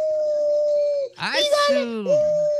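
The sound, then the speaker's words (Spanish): A child's voice imitates a wolf howl: a long, steady tone that breaks briefly, swoops up and down, then settles back into a sustained howl. “Y aquí va mi aullido, tío.”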